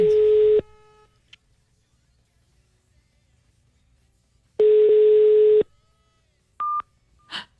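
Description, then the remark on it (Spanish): A phone line busy tone from a rejected call: two steady, buzzy electronic beeps separated by a long silent gap, followed by a short higher-pitched blip and a faint click at the end. No one speaks. “Me está rechazando la llamada.”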